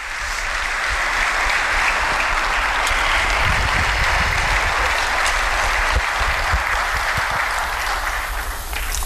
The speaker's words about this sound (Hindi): जोरदार तालियों की गूंज के साथ माननीय प्रधानमंत्री श्री नरेंद्र मोदी जी का स्वागत करें। भारत के माननीय प्रधानमंत्री श्री नरेंद्र मोदी। तालियों की कड़कड़ाहट रुकनी नहीं चाहिए।